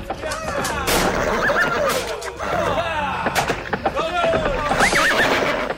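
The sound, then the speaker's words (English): Horse hooves thunder across the ground in a loud, continuous rumble, punctuated by heavy thuds, while horses whinny and wordless voices cry out over the pounding. “He started to hear the sound of horse hooves thundering on the ground.”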